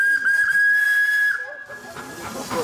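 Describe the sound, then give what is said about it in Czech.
An old Smekal steam fire pump from 1908, at the end of a water-relay chain, lets out a steady, high-pitched whistle over a rush of hissing steam for about a second and a half, then the whistle fades into a rougher, noisy hiss. “Na konci celého řetězu stará parní stříkačka, která zaujala je projíždějící cyklisty.”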